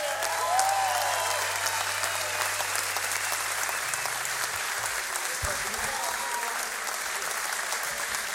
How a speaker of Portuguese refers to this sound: Uma grande salva de palmas